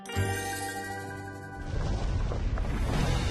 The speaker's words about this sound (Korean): 해저화산 대폭발!